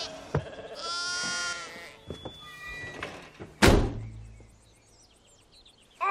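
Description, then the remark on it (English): A sheep lets out a single loud, wavering bleat, followed by a few soft bumps and a heavy door-like thud, then near quiet. “I like to pretend that they follow along with the story, but I know in my heart that as special as they are, they're still sheep.”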